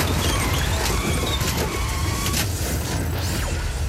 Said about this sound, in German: Es war ein lauer Oktobertag. Plötzlich passierte auf der Kreuzung ein Autounfall.